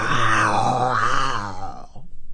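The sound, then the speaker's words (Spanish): A man's voice lets out a long, rough, growling roar imitating a lion, loud and sustained for about two seconds before trailing off into a ragged, breathy rasp. “¿Quieres que le haga soporte sonoro? A ver. Club de... De Leones.”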